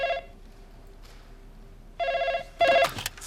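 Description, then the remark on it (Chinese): A telephone rings with an incoming call: short bursts of a bright, warbling electronic ring, the last one loudest, separated by pauses with a faint steady hum underneath and no voices. “哎，我跟你说了，有个电话进来，回头再聊啊。”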